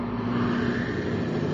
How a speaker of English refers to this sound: Progress is the sound of a motor, the hum of a turbine,